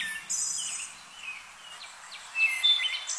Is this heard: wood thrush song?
yes